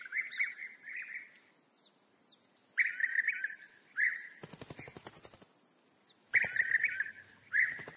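Birds that have returned to the forest from the south to mate and build nests chirp there, repeated bright trilling bursts at high pitch over a continuous chorus of thin, sweeping tweets, with brief crackly rustles between calls. No one speaks.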